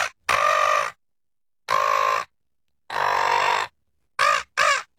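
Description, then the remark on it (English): A person imitates a seagull, giving loud, harsh squawking calls: three long cries spaced apart, then a quick pair of shorter yelps, with no other sounds. “doing a seagull”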